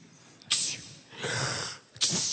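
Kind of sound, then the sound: vocal imitation, voice imitating a sneeze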